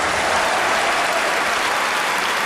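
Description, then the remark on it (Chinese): An audience applauds steadily to welcome the experts on the Chinese jade culture programme 遇见文明 (Encountering Civilization), a dense, even wash of many hands clapping that holds at full strength for the whole stretch, with no voices on top. “接下来让我们用掌声请出带我们一起研究琢玉之道的各位专家。”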